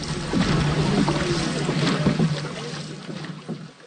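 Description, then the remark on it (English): Five dragon boats crewed by women drift together on open water with paddles pulled in and the women holding on to the gunwales of their sister boats: a steady wash of wind and water, a low hum underneath and a few soft knocks, easing off toward the end. “The five boats glide together. Paddles are pulled in.”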